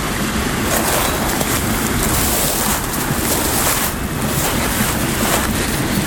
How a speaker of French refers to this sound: Et la clameur de l'eau et du vent se mélange, se marie.